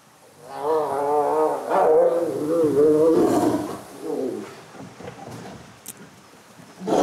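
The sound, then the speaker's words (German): Tigers in a play-fight that briefly turns serious roar and snarl in a loud, rolling burst lasting several seconds, fading into scattered growls and thuds before another sharp outburst at the end. “Das war jetzt erst Spiel und dann wurde aus Spiel mal ganz schnell kurz ernst, aber nichts Schlimmes.”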